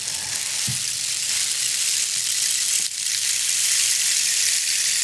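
A rainstick pours out a steady, bright, hissing patter of tiny pellets, sustained for several seconds, with a brief dip partway through as it is turned, and no voices.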